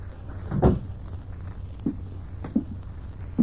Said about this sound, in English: Still want the door shut, Lieutenant? Yeah.